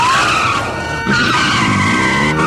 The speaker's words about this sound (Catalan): És la sirena de la policia.